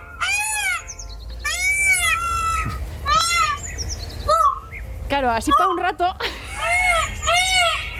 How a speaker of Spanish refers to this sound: Ese es un pavo real un poco enfadado. Le pasa algo, le pasa algo.